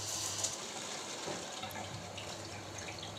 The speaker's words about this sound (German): Eine Düse, die kommt an den Wasseranschluss. Und jetzt spritzt es schneller raus, weil es fürs Wasser enger wird.